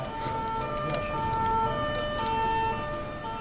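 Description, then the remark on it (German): A police patrol car siren blares a steady two-tone wail, its pitch alternating in a regular rhythm, fairly loud over low road rumble, with no one speaking. “Ich schicke jetzt mal einen Streifenwagen zu euch.”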